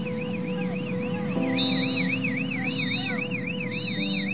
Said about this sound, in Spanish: como ocurrió en los condominios Costa Grande en La Guaira, donde sonó la alarma para advertir al personal de Costa Rica que el edificio estaba presentando problemas de inestabilidad.